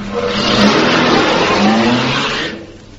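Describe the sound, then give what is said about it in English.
A car engine starts and roars loudly, revving and accelerating as the car drives off, then drops off sharply after a couple of seconds. No one speaks. “Now, he'll get into the car. He'll start the engine. And then he'll drive off.”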